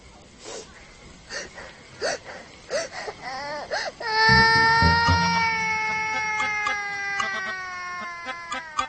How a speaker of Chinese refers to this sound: 啊！别哭了，你把阿瑶叔都哭诈尸了，你看。